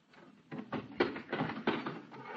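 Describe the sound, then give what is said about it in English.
A car trunk is opened with the keys and tools are pulled out to change a tire: a few sharp clunks and rattles mixed with shuffling handling noise, moderately loud, with no talking. “here are the keys. Get the tools out of the trunk compartment.”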